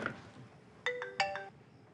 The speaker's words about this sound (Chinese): 啊、赶紧快接电话去。 谁呀？又来电话，是。